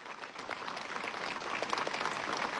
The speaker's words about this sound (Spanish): También, ¿por qué no poder agradecer, ya que somos iglesia, parroquia, a nuestra sagrada imagen que representa a Santa María Magdalena? Esos aplausos, somos una iglesia.